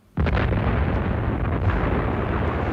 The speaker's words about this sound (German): Es war eine Explosion aus genau der Richtung, in die Alva verschwand.